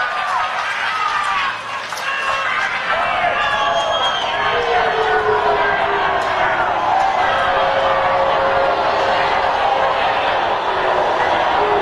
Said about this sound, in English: People thumbs down and booing.